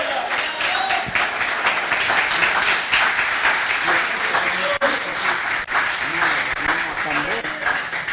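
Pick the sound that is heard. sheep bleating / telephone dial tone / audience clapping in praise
audience clapping in praise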